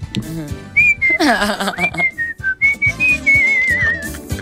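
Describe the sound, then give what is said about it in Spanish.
A person whistles a melodic tune, the pitch sliding and wavering between notes over a few seconds, with some background voices and noise underneath. “Es más, se vuelve severo intérprete de la silbada.”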